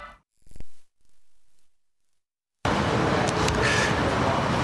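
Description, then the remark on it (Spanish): After a couple of brief soft sounds and a near-silent pause, dense city street traffic noise in central Madrid cuts in abruptly and fills the rest as a loud, steady wash of roadway rumble. “Impresiona estar aquí en el centro de Madrid, ver un edificio de más de 30 plantas”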